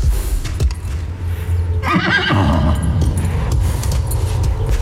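A horse named Fırtına lets out a loud, wavering whinny that rises and falls over a couple of seconds, set against a steady low rumble and faint scattered knocks.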